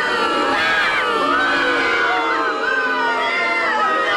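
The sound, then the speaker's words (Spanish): A large crowd boos and jeers loudly and continuously, many overlapping voices rising and falling together in a dense, sustained roar that fills the whole moment. “Sí, me merezco el más grande de sus abucheos, muchos más.”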